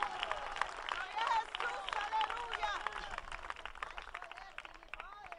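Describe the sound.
An audience applauds the Lord steadily for several seconds, dense rapid clapping with scattered voices calling out and cheering over it, easing slightly toward the end.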